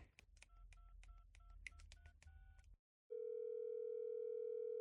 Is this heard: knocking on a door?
no